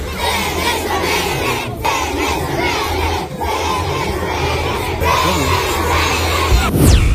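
A large group of pupils from the Železniki primary school shouts a slogan chant in unison, loud and sustained, their voices rising and falling in rhythmic bursts for several seconds with a dense crowd roar underneath.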